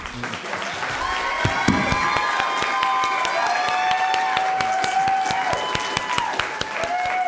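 An audience at a New Mexico governor candidates' forum claps steadily for about seven seconds after a candidate's statement, a dense, even patter of many hands, with long sustained whistles and cheers rising over the applause.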